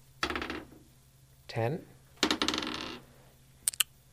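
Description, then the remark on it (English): Dice rolled for a cantrip spell in a tabletop game clatter across a hard table in several loud bursts: a quick rattle, a whirring spin that winds down, a longer tumbling clatter, then two sharp final clicks as they settle. “Yeah, just roll the...”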